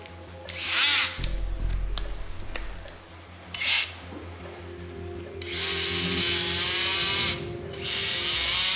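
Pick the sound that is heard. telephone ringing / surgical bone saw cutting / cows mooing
surgical bone saw cutting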